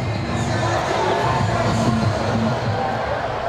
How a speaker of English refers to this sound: Starting to get late in this one. Got a big crowd on hand tonight.